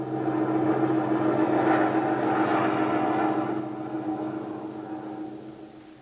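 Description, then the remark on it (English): A lone, unidentified propeller airplane's engine drones steadily in flight, a loud continuous hum with a throbbing tone that gradually eases and fades a little toward the end. No one speaks. “There's a lone unidentified plane over your area.”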